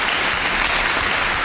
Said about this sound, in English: I'm just doing a kind of a joint applause because they were so good tonight, I actually can't choose a winner.